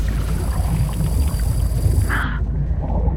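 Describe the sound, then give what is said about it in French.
A deep, steady low-pitched rumble drones continuously, like a large boat engine running on the open sea, with a constant hiss of wind or water over it and no voices. “On dirait le son d'un moteur d'un gros bateau.”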